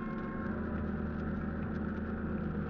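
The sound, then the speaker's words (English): Boat engines are started after dark and run steadily as the boat heads to the beach with its running lights off, a continuous low droning rumble with a faint rhythmic throb, fairly loud with no voices over it. “At last, darkness fell and we turned over our engines and started to the beach, our running lights extinguished.”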